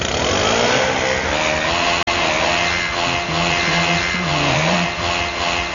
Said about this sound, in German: Mit diesem SR1 Laubbläser-Song haben wir euch heute Morgen geweckt. Sorry dafür nochmal.